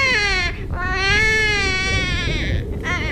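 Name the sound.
newborn baby crying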